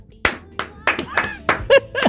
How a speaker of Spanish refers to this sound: Fuerte aplauso para mí.